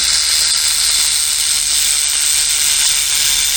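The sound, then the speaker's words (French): A rattlesnake shaking its rattle: a loud, steady, dry buzzing hiss that holds without a break for a few seconds, high and hissy, with no voices. “Tu te retournes et aperçois un serpent. Un serpent qui joue du grelot.”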